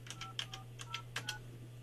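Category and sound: signal or alarm, telephone keypad dialing tones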